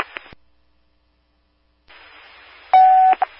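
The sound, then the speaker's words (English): Radio dispatch alert tones: after a short crackle of static and a silent gap, more radio hiss leads into a loud, steady electronic tone lasting about half a second, followed by a brief second beep. “You can clear the tones for now.”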